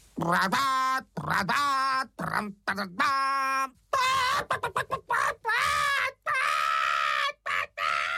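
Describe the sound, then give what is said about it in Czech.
A voice imitates bumblebees trumpeting at a hen sitting on eggs, loud buzzy blasts counted off one, two, three, in a run of sustained, strained honks with short pauses between them, growing choppier toward the end. “Čmeláci chvilku poslouchali ten slepičí koncert, ale pak raz, dva, tři zatroubili.”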